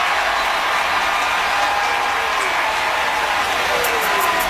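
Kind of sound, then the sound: crowd, stadium crowd cheering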